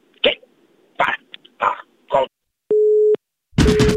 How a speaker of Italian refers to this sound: Il vecchio contadino bastardo ha chiuso come sempre il telefono, ma non si molla la preda.